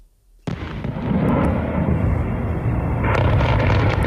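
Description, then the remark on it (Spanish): A sudden heavy explosion from a night ballistic missile attack on Kyiv, Ukraine, breaks the silence, followed by a sustained low rumble and roar with a few sharp cracks, swelling again toward the end like continuing blasts. “El sonido difundido por cuentas de seguimiento del conflicto en redes, periodistas de la agencia EFE y Reuters han escuchado más de una decena de fuertes explosiones en la capital ucraniana después de que se activara una alerta por misiles balísticos”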